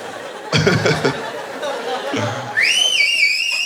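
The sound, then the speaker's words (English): A burst of chatter and laughter gives way to a loud, sustained human whistle, a bright tone that swoops upward and then holds steady for about a second. “I definitely, you can make him do all sorts of flippies with a whistle like that.”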